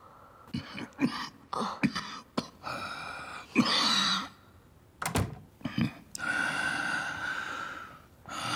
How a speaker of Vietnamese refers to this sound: Con đi đóng cửa lại đi.